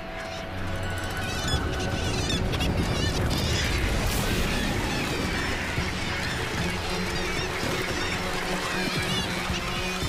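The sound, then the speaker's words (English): A roost of cormorants keeps up a dense, continuous chorus of harsh croaks and squawks, many birds calling over one another, with a low rumbling wash of water underneath. “These roosting cormorants are sitting ducks for hunters with good night vision.”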